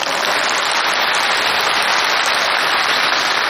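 audience applause

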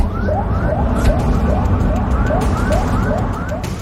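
ambulance siren

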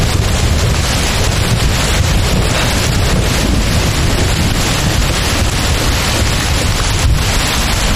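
sudden rain

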